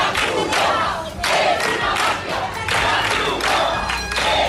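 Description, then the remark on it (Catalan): A crowd of protesters in Ceuta shouting that the Red Cross is a mafia while trying to stop food being handed out to migrants, in loud, rhythmic bursts, the chant rising and falling roughly every second with many voices blending into a sustained roar. “La Creu Roja és una màfia, cridaven alguns dels manifestants que ahir van intentar impedir el repartiment de menjar i que hi van intentar fins i tot desallotjar els migrants que segueixen malvivint a les platges.”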